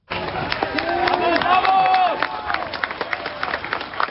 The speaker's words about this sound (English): Crowds erupted in cheers and celebrations.